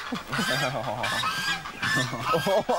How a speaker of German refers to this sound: Doch im Gebüsch lauern schon die neuen Mitbewohner, die Gänse-Gang.